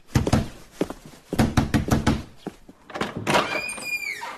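Loud, insistent knocking on a door in rapid bursts of heavy blows with short pauses between them, ending with a brief high-pitched call.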